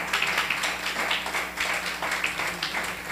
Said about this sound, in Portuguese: Amém? Glória a Deus. Uma salva de palmas, louvo o nome santo do Senhor.